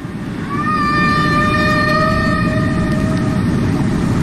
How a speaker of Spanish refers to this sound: Estos son sonidos originales, unas melodías fantásticas, maravillosas. Hoy veíamos que las ballenas jorobadas cantan melodías complejas que duran incluso 10, 20 minutos.